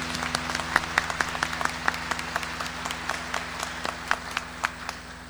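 An audience at a Mass applauds the mothers with steady, overlapping claps, sharp individual hand strikes standing out over a continuous wash of clapping. A low, constant hum runs beneath it.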